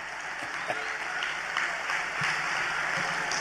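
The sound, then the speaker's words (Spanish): An audience applauds in a dense, steady wash of many hands clapping, holding at an even, fairly loud level for the full few seconds with a few sharper claps standing out. “Aplaudan, yo espero, Si no, lo veo.”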